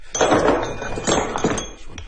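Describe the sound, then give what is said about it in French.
A hammer strikes stone several times at an uneven pace, each blow a sharp, ringing clink with a brief metallic tail, fairly loud and with no one speaking. “Un autre marteau.”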